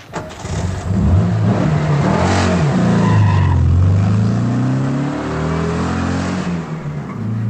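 A car driven by a woman rumbles loudly, its engine pitch rising and falling as it accelerates and moves past, with a steady roar lasting several seconds and no voices.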